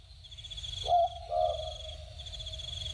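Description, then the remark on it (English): A bird calls twice, two short, mellow whistled notes close together, heard over a steady high insect-like drone and a low outdoor rumble. “Well, no, it is a bird, but I probably need you to be...”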